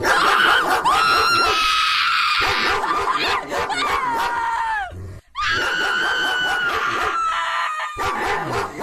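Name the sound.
pit bull barking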